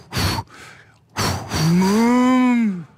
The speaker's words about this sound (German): Ah, das sind wahrscheinlich dann doch Vierbeiner, Säugetiere, es sind Kühe.